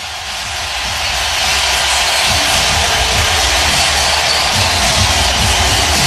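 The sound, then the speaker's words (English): A hockey arena crowd roars in the first period of game five with the Carolina Hurricanes leading 3-0, a loud, dense, continuous wash of noise that swells over the first second and then holds steady, with no individual voices standing out. “Listen to this crowd.”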